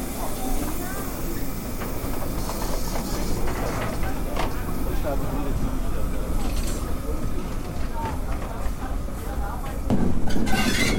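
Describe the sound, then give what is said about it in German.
Steam locomotive 58311 rattles past running tender first on a station special trip, with people riding on its footplate: a loud, continuous clatter of rumbling and hissing steam that swells slightly toward the end, with faint voices underneath. “Hier knattert gerade die 58311 Tender voraus an uns vorbei.”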